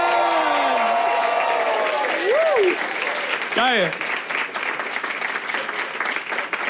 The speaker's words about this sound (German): Mega. Den Applaus merken wir uns und dann halt den Applaus gerne einfach noch 3-4 Sekunden länger, lass sie gar nicht zum Reden kommen.